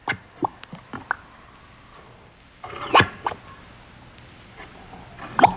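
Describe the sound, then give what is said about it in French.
Thick, warm mud bubbles and pops, a string of short wet plops at irregular intervals, with a quiet stretch before a louder gurgling burst and a few final pops. “C'est la boue qui fait des bulles.”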